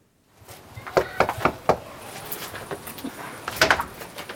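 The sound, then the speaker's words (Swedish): Four sharp knocks on a door land in quick succession, followed by a softer cluster of clatter and shuffling a couple of seconds later, with no one talking. Swedish Green Party (Miljöpartiet) canvassers knocking on doors during an election campaign on a Monday evening in Uppsala. “Och Ekot följde med när Kristdemokraterna och Miljöpartiet knackade dörr.”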